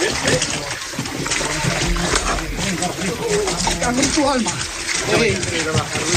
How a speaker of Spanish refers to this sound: Se oye de fondo el chapoteo y los esfuerzos de los bomberos para controlar a los animales.